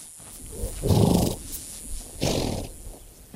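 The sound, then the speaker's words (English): Two loud, rough neighs from wild mustang horses about a second apart, harsh squealing calls over a faint outdoor background, with no talking, as bands of mustangs converge on one of the last remaining waterholes for miles in a hot wilderness. “Bands of wild horses, Mustang, are converging on one of the last remaining waterholes for miles.”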